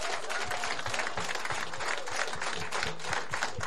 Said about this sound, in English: I can truly tell you that Mossel Bay, under this man's leadership, is one of the best, and he should get a round of applause.